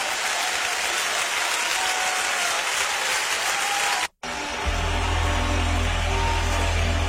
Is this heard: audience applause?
yes